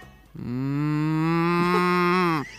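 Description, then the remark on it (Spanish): A person imitates a cow with a single long, steady moo lasting about two seconds, loud, with no talking around it. “¿Quién hace un mugido de vaca mejor?”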